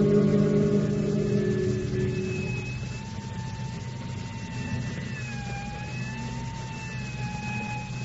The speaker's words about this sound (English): where plate glass lay in shattered fragments on the sidewalk, and the burglar alarm shattered the Sunday quiet with its shrill ringing.